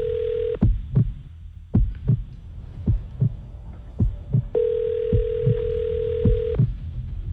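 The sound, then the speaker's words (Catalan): A phone's ringback tone on a call to Domino's Pizza: a steady electronic hum sounds briefly at the start, then returns as a long two-second tone, with a soft rhythmic thumping like a heartbeat pulsing underneath throughout. “podeu agafar el telèfon, que al Moja no li ha arribat el menjar”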